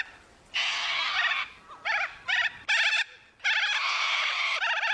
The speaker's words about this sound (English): A Corella.